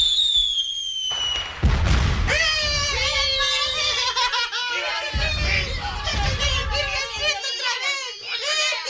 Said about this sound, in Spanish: Cuando salieron de la iglesia con la nueva virgencita, hubo una gritería por parte de los vecinos y comenzaron a reventar cohetes.